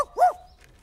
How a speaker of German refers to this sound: Oh, das ist ein Hund